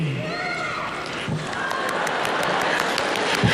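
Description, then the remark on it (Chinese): Steady, dense audience applause for actor Yu Shi fills the whole stretch, mixed with a few rising cheers and shouts near the start, holding an even loudness throughout. “观众的声音都响了。”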